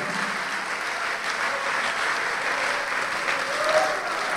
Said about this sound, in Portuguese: Vamos aplaudir mais ao nome de Jesus por quem está escolhendo a vida.